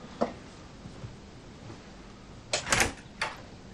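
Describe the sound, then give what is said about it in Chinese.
A door opens quietly late at night: one brief click, then after a pause a cluster of latch clatter and a thump, with a final knock. Moderately soft, with no voices. “谁呀？ 我， 开门。”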